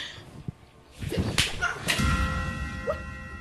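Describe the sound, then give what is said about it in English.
A sharp slap across the face cracks out, followed by a second quick smack, over a low, steady background hum with faint ringing tones. “Brother, you slapped me.”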